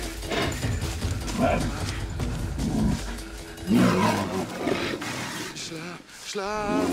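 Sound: bear roaring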